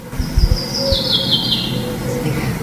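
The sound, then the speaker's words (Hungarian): A common chaffinch calls once, a thin, high note that slides gently downward over about a second and a half, set against a low background rumble with a few soft thumps at the start. “Ez például az erdei pinty.”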